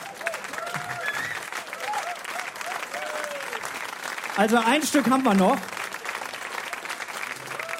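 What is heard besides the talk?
audience clapping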